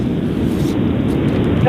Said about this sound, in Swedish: Hörs det nog? Jo, men ganska dåligt. Du sitter i bil eller någonting?